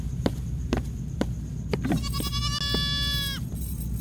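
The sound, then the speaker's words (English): A goat lets out a long, quavering bleat that wavers for over a second, preceded by a few sharp clicks, with a steady low rumble of background noise underneath. “That's what happens when you are a bad goat.”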